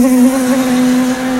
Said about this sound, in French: Et là, t'as toutes les guêpes du quartier qui déboulent. Et là, pour lutter face aux guêpes, chacun a sa technique.